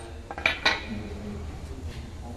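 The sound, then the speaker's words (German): Two sharp metallic strikes in quick succession, a hammer stamping the letter U into a small metal shopping-trolley chip with a drilled hole, each hit leaving a brief high ringing tone over a low background hum. “Dann macht man mit einem starken Schlag.”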